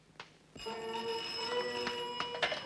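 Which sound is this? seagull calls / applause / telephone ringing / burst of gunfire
telephone ringing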